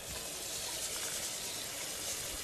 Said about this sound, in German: Ja, also wenn ich nicht in die Mensa gehe, dann wird bei mir normalerweise erstmal ein Topf mit heißem Wasser aufgesetzt. Und dann wasche ich den Reis.